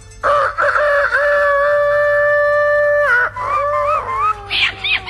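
A rooster crows once, loud, in one long drawn-out call lasting several seconds that wavers and breaks up toward the end, with no talking.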